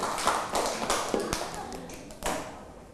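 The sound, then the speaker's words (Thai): Scattered claps from a group of students applauding themselves at their teacher's request, a handful of sharp irregular slaps rather than a full round of applause, with faint voices underneath. “นักเรียนเก่งมากปรบมือดังๆให้ตัวเองด้วยนะคะ”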